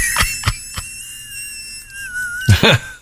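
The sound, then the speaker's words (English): A thin, high whistle tone holds steady for about two seconds and then bends slightly downward, framed by three quick sharp hits at the start and a louder noisy burst at the end. “But could we hear the whistle one more time?”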